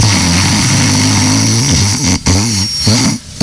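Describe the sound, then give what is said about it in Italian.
A man imitates his own loud snoring: a rough, rattling low drone held for several seconds, wobbling in pitch near the end with two brief breaths or pauses. “Allora, il mio russo io lo so esattamente rifare, ve lo faccio un attimo.”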